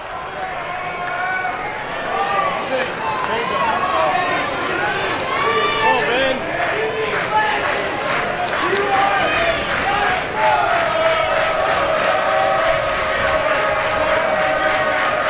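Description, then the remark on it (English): A large baseball stadium crowd chants "BB" for batter Ben Barrett in unison, a dense wall of voices rising and falling in a steady rhythm, with sharp claps punctuating the middle stretch before the chant swells again. “BB is the chant, Ben Barrett.”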